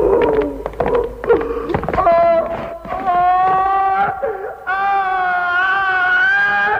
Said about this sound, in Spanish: Pascual es conducido a su opción entre gritos, sollozos y empujones. Toda la contención que ha mostrado el personaje hasta entonces deviene, al final, en chillidos, ojos desorbitados y terror ante la inminencia de la muerte.